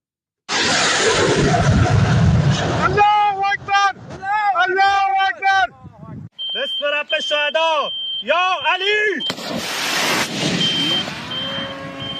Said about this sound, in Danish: Blandt andet så har nyhedsbureauet Reuters offentliggjort en video, der angiveligt viser, at den iranske revolutiongardes flåde affyrer et missil mod et amerikansk mål i en skudveksling.